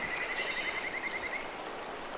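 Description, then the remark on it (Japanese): A kajika frog (Buergeria buergeri) at a misty riverside after rain gives a high, whistling trill of rapid, evenly spaced notes. The call is fairly faint and set against a steady wash of rushing stream water, fading out after about a second and a half. “かすかな鳴き声が聞こえてきました。カジカガエルです。”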